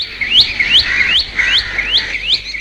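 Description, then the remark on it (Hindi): A bulbul calls in a quick series of bright, upward-sweeping chirps, about six notes in an even rhythm, clear with no one talking. “तुम्हें शायद एक बुलबुल ऐसी भी मिले जिसके सिर पर काले रंग की कलगी हो, उसे सिपाही बुलबुल कहते हैं।”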